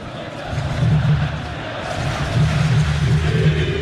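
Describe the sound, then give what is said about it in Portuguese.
A large crowd of Vasco fans sings loudly together at São Januário stadium during a football match, a dense, continuous roar of voices with a rhythmic low chant swelling and pulsing throughout. “mas a torcida sente um bom momento e canta alto em São Januário.”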